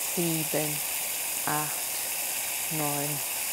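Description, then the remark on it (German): A steady fizzing hiss of water poured onto very dry potting soil in a pot as it soaks in runs throughout, with a few short spoken words breaking in over it. “Ich habe hier mal einfach 2 Töpfe mitgebracht mit sehr, sehr trockener Erde. Die Aufgabe, die Erde soll feucht werden.”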